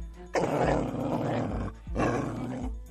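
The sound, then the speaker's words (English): A dog growls and barks fiercely in two long, loud, snarling bursts separated by a brief pause, with no talking. “Good dog.”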